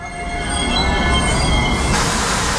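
Train wheels squeal loudly on the rails at Praha-Bubny railway station in Prague, a sustained high metallic screech over a low rumbling roar, steady throughout with no voices.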